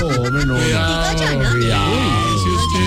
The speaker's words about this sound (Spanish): ¿Qué pasó? ¿Una ambulancia? Pues sí, claro, una ambulancia.